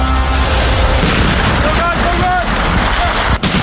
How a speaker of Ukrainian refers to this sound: 4 травня. Південний схід Естонії. Місцеві жителі чують вибухи та постріли. Можна подумати, Росія почала вторгнення в Балтійську країну. Та всі спокійні, бо попереджені. Наступний місяць тут проходитимуть військові навчання «Весняний шторм».